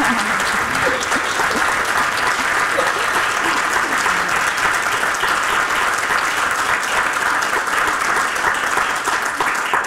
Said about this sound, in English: Another round of applause for an incredible Palestinian writer, woman.